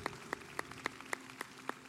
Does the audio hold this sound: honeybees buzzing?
no